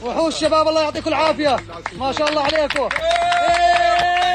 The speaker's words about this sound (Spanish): Los aplausos y los vítores han vuelto a sonar durante al menos unos segundos cuando el equipo de rescatistas procedente de Jordania ha conseguido rescatarle con vida.